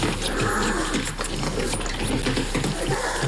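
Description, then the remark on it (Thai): Small five-week-old grizzly bear cubs, weighing less than a bag of sugar, growl and grumble steadily while bottle-feeding on milk, their rough, throaty noises mixed with wet slurping and sucking sounds, with no one speaking. “ผมนึกว่าจะตัวใหญ่กว่านี้ผมเคยเจอหมีคริสลี่มาก่อนครับและพวกมันตัวใหญ่แต่เจ้าพวกนี้ตัวนิดเดียว”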